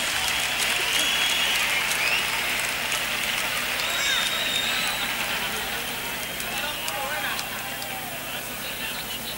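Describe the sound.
An audience applauds a singer with steady, dense clapping that holds at an even loudness for about nine seconds, with a few high whistles and faint crowd voices mixed in.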